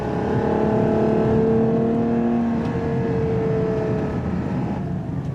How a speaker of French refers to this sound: Qui dit V12 dit quand même sonorité assez noble. Écoutez ça. Ça monte jusqu'à 8000 tours minute. 725 chevaux et 716 Nm de couple.